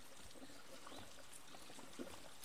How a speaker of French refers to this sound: Donc la pompe est là-haut, elle prend l'eau dans la rivière et la renvoie dans la rivière ensuite grâce à ce tuyau, on appelle ça le rideau de pluie.